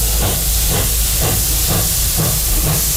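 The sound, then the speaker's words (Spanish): A steam locomotive chuffs in a steady rhythm, roughly two puffs per second, over a constant loud hiss of steam. It is loud, with no voices. “La verdad es que este tren es un poco como de vapor, ¿no?”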